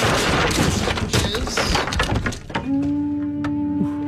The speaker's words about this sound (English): It seems like a weird way to enter the dojo by kicking the door off the hinges. You're going through a lot of lumber in this dojo.